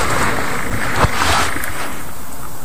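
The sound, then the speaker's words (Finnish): A short, rasping frog croak cuts through a steady hiss of background noise, with a brief creaky burst in the middle and no one talking. “Heti kun kurnutus tuolta. Eli kyllä sammakko tietää meitä paremmin.”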